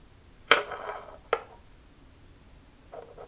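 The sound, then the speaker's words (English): Glass scrapes and clinks against a bamboo table surface: two sharp contact sounds with short grinding tails, then a softer brief rub near the end, fairly quiet with no voices. “Combination of the glass rubbing up against the bamboo table.”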